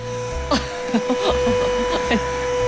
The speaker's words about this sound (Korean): 친구가 또 부스러기를 흘리자 바로 무선 청소기를 들고 와서 따라다니며 미는데 눈치 보여서 뭐 먹지를 못하겠더라고요.